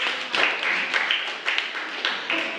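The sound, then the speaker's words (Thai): A classroom of children claps together in dense, steady applause for a classmate group's correct answer about the Taj Mahal in a class quiz, with rhythmic bursts of claps recurring throughout at a moderate level and no clear voices. “รูปทัชมาฮาลเป็นสถานที่ในประเทศอินเดียเป็นคำตอบที่ถูกต้องนะครับขอเสียงปรบมือให้กับเพื่อน”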